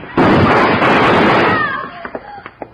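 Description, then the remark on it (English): A single loud gunshot bursts out and rings into a long, harsh roar that fades after about a second and a half, leaving faint squeaky tones and small clicks. “Shoot him. Shoot through the door.”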